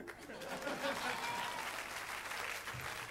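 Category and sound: crowd, audience applause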